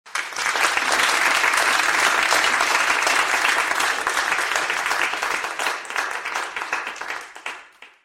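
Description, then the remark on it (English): A large audience applauds loudly and steadily, dense overlapping claps filling the room for several seconds before thinning out and fading at the end. “What you're about to hear is what happened when I stepped into a room full of actual bodies, and they actually responded. The applause was deafening.”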